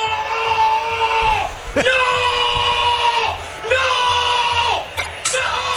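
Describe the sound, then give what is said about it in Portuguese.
A Peñarol football fan in a stadium lets out three long, loud sustained yells, each trailing off at the end, with a low crowd murmur underneath, shouting when Maurício Lemos seemed about to score from the edge of the area. “O torcedor do Peñarol gritou quando o Maurício Lemos achou que ele ia fazer um gol do circo intermediário ali.”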